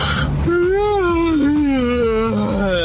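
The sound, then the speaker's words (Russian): A loud, drawn-out yawn with a moaning voiced tone that slowly slides lower in pitch over about two seconds, heard alone without any talking. “Ну, спасибо, открыл сейчас хит-парад зевоты просто у всех.”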